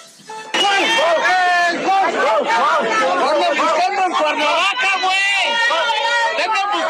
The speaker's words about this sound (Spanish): Estuvo lleno de celebridades y entre ellas estuvo el diputado Cuauhtémoc Blanco, que no se salvó de los gritos de varios asistentes que se encargaron de expresarle mucho, mucho amor.